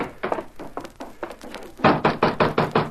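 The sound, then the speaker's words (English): Knocking on a wooden door, first a series of lighter raps, then a louder, faster run of about six firm, evenly spaced knocks, with no voices. “Don't look like she's going to answer the door.”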